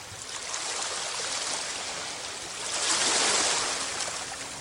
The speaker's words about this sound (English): You can hear the crash of waves.